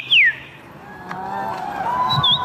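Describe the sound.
A person whistles in imitation of birdsong at the annual bird-voice imitation championship in Warsaw, Poland: a loud, high descending sweep, then softer sustained tones that waver, ending with quick high warbling trills over faint background murmur.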